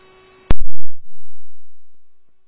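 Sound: radio dispatch alert tones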